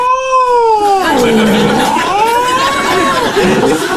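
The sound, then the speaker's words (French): A feral cat yowls loudly in one long, drawn-out wail whose pitch sinks, rises and wavers, over a steady background hiss. “Ah non, c'est un chat sauvage, pardon, je suis bête.”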